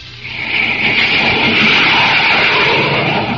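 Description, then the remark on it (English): A jet plane roars continuously, a loud, dense rushing noise with a harsh hissing edge that swells in the first half second and then holds steady throughout, with no voices. “You're listening to the blazing roar of a jet plane.”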